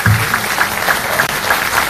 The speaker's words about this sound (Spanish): Y un aplauso para ellos dos.